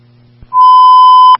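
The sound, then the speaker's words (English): A Monument Fire radio dispatch alert tone paging a medical call for an allergic reaction: one loud, steady electronic beep held for nearly a second, preceded by a soft click over a low background hum, with no voices. “Tones and pages of 1821.”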